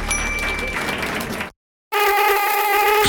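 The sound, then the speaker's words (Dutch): After a burst of broad, noisy clatter and a brief silence, a steady, high-pitched whining buzz of mosquitoes inside a house fills the rest, droning continuously without breaks. “Weer die klote muggen in huis.”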